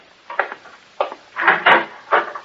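A door being opened, heard as a series of four wooden clunks and rattles of the latch and hinge, fairly loud and uneven, with no voices over them.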